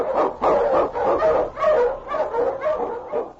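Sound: husky sled dog barking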